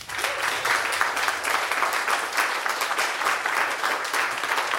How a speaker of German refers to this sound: Einmal Applaus bitte für ….